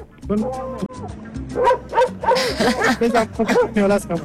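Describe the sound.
Several dogs out with a dog walker bark and yip in quick, overlapping bursts, with some whimpering between barks, while people talk over the commotion outdoors.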